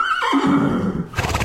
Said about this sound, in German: Oh, Pferde. Tolle Tiere, oder? So groß, majestätisch. Oder, wenn es dann Ponys sind, klein, süß und vielleicht so ein bisschen dicklich.